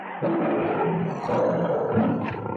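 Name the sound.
lion roaring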